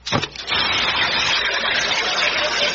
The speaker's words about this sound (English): And now I'm going to ask Brother Sweeney here to drop this here alkali water tablet into this here glass, and I want you neighbors to listen to it fizz.